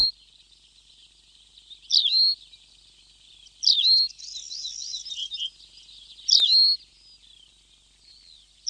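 A desert bird perched on a small shrub in the desert sings in short, bright bursts of warbling phrases, three or four loud outbursts separated by quieter twittering, over a steady faint high hiss like insects. The bird has a sand-coloured belly, grey-brown upperparts, long stilt-like legs, a long tail and an eyebrow stripe.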